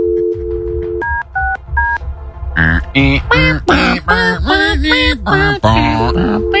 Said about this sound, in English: Oh, that's a dial tone again.